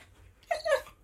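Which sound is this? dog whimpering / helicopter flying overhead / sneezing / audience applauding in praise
dog whimpering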